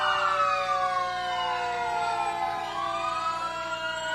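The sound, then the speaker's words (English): The siren of Crete Fire Department Engine 31 from Crete, Nebraska wails continuously in a parade, its pitch sliding slowly down and then rising again, loud with a steady rumble of traffic beneath and no voices. “Next, Crete Fire Department.”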